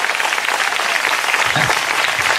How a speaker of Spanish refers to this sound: De Dios, fuerte aplauso al Señor en esta hora.